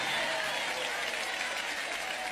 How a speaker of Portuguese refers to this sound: Pode aplaudir a ele, pode glorificar, pode exaltar.